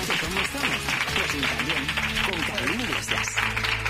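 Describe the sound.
An audience claps steadily throughout, a dense, even wash of applause with a voice speaking loudly over it.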